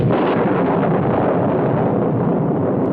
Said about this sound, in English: What was that? Thunder. Crash.